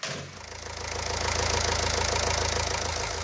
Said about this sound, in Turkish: Bu bir düşük hız vidası. Rölanti vidası gibi bir şey. Motor çalışırken bunu yapabilmeme olanak sağlıyor.